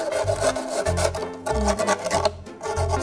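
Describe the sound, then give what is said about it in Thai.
Sandpaper rasps back and forth across the freshly cut edges of a plastic bottle, smoothing off their sharpness while making a plant pot, in steady, repeated gritty strokes, about two per second, fairly loud with no talking. “นั่นก็คือเราจะเอากระดาษทรายค่ะเราจะใช้กระดาษทรายเนี่ยมาลบคมของพลาสติกที่เราตัดไปเมื่อกี้นะคะ”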